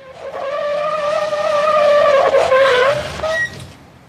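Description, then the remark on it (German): A car in town brakes hard as a dog runs in front of it, with a long, loud tire screech lasting several seconds, the squeal wavering in pitch before cutting off abruptly; no one speaks. “Gibt's denn sowas? Rennt der Hund mir glatt vor den Wagen. Mensch, beinahe hätte ich ihn erwischt.”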